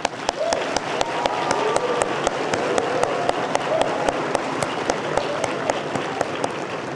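A crowd applauds steadily, a dense wash of many hands clapping at a fairly loud, even level throughout, with a few sharper individual claps popping out and faint murmuring underneath.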